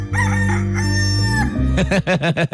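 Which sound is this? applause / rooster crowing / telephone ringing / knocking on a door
rooster crowing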